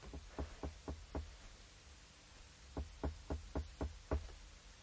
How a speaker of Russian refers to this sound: Входит Фурначев. Он одет наспех. В руках у него саквояж. Он, крадучись, поднимается к Живоедовой, несколько раз стучит к ней.